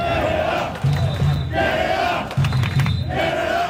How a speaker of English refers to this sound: That is a huge group of fans marching from Toronto's Trinity Bell Woods Park to Toronto Stadium this hour. It's a show of support for Team Canada.